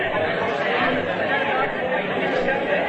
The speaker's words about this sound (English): Mamma Mia, there's such a big crowd. There's so many people.